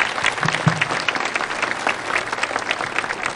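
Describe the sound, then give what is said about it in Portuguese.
A crowd claps steadily for the bishops of the Catholic Church, dense overlapping handclaps filling the space with a sustained, fairly loud round of applause that holds evenly throughout without pause. “Uma salva de palmas a eles.”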